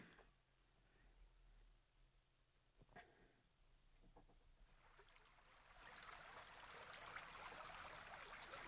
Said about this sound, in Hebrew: והנה, אנחנו כבר מתחילים, אני אתחיל לשים צלילים של נחל ברקע.